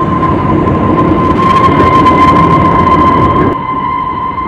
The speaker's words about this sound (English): The train gave a shrill whistle and braked with a jerk and came to a halt.